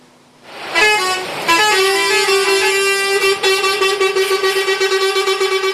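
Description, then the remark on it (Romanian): Dozens of trucks queued at the entrances and exits of the port of Constanța, held up by a customs officers' strike, blare loud, sustained horns continuously, overlapping in a steady pulsing drone after a couple of short opening blasts, with no voices present. “Zeci de tiruri au format o coadă imensă la intrările și ieșirile din portul Constanța.”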